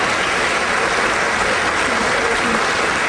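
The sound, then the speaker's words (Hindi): Sustained applause from a crowd for a singer after a song, a dense, steady wash of many hands clapping at an even level throughout, with no single claps standing out. “और ये तालियों की गड़गड़ाहट जो है, क्योंकि हमारे जो श्रोता मित्र हैं, जो लिसनर्स हैं, वो इस वक्त तो आपको कह नहीं पाएंगे, लेकिन उनके दिल की आवाज़ उन तालियों के रूप में हम आप तक पहुंचा रहे हैं,”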